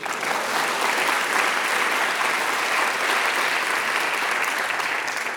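Steady, dense applause from a crowd, a continuous wash of many hands clapping at a fairly loud, even level for several seconds with no talking over it.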